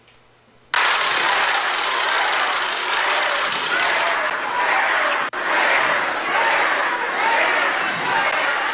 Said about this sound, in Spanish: Pues, ¿cómo que no están? Si ahí están. Tenemos incluso los abucheos. Vamos, no es un tema personal.